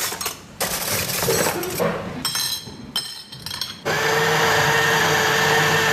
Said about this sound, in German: Fertig ist der leckere Cappuccino. Aber ganz ehrlich, Erika, das ist ja die leiseste Kaffeemaschine, die ich je gehört habe